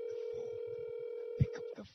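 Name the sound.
phone ringing tone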